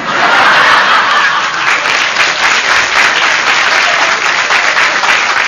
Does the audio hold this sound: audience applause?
yes